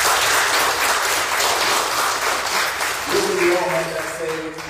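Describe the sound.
An audience applauds steadily, a dense wash of many hands clapping at close range, and near the end a man's voice begins speaking over the fading applause.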